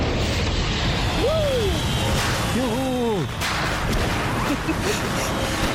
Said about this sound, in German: Ja, Party-Safari, das ist Ihr Feuerwerk.